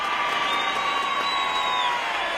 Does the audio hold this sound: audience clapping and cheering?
yes